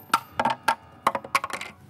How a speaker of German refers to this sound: Ich glaube, meine Mutter hat hier irgendwie Kleingeld reingeschmissen. Ich muss das rauskriegen.